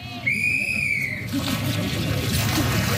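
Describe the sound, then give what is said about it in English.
A sharp whistle blast rings out for about a second, followed by steady splashing and sloshing of swimmers at the 2026 New Zealand and Oceania Ice Swimming Championships in an outdoor pool in Alexandra, central Otago, New Zealand, water at 3.8 degrees, frost on the grass, with a faint murmur of voices. “Because today, with a water temperature of just 3.8 degrees, the pool is in use.”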